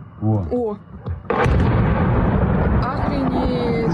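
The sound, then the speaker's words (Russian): A brief voice is heard, then a sudden loud blast erupts into a sustained, roaring wash of noise, consistent with explosions and gunfire continuing to the end; nightly gunfire and explosions on the Crimean peninsula amid large-scale Ukrainian armed forces attacks on infrastructure. “С начала июня жители аннексированного России полуострова каждую ночь слышат стрельбу и взрывы.”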